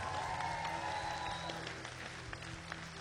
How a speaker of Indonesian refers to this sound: Jadi, sekali lagi berikan tepukan gemuruh untuk barisan juri kita.